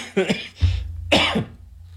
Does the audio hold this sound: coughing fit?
yes